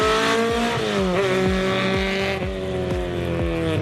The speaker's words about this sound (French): parce que franchement ça hurle, le moteur il prend 8000 tours pour un petit 4 cylindres, c'est quand même assez incroyable.